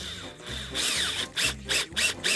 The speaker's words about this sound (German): Aber jetzt brauche ich bloß noch meinen Griff hier oben befestigen, links und rechts eine Schraube reindrehen.